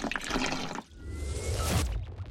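Running water in a bathtub, a continuous rushing and gurgling with a low rumble, pausing briefly before swelling again into a steady draining swirl, moderately loud with no voices.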